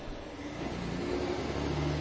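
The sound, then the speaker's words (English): A truck rumbles past outside, its low engine drone steady and fairly loud for a couple of seconds, slightly muffled as if heard through an open window, with no voices. “Sorry about that, got the windows open, so trucks going by be a little loud.”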